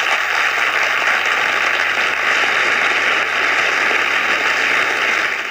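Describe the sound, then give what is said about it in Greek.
Sustained applause from an audience, a dense steady crackle of many hands clapping at an even, fairly loud level for several seconds, with no voices heard over it. “Τα χειροκροτήματα για να αλλάξουμε προορισμό.”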